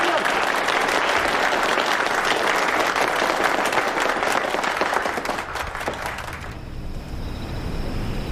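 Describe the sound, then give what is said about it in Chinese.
Sustained applause from an audience for Zhou Enlai as he is invited to say a few words, a dense steady clatter of many hands clapping for several seconds before it thins and fades toward the end. “你来给大家讲两句，大家鼓掌。”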